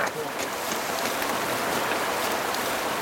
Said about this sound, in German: Wir erreichen einen Bach, das Wasser ist braun-schwarz vom Lavagestein.